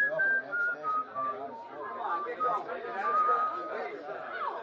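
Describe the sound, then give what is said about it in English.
Someone whistles a short tune in clear stepped notes, fading in and out over a steady murmur of background chatter from several people. “And then I remember I've been hearing that whistling right along and didn't notice it.”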